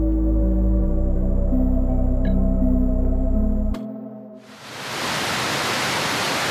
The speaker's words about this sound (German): Dort, wo bis zum 11. September die beiden Zwillingstürme standen, befinden sich heute zwei riesige Wasserbecken. An allen vier Seiten stürzt das Wasser in die Tiefe, ununterbrochen, Tag und Nacht.